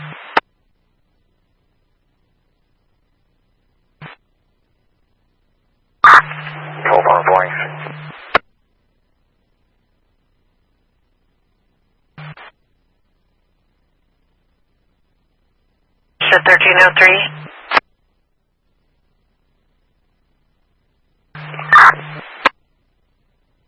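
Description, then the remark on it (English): A telephone rings three times with long pauses between rings, thin and buzzy as if heard over a radio or phone line, on a call back to a PR contact. Nobody picks up. “I attempted to call the PR back and they're not answering the phone.”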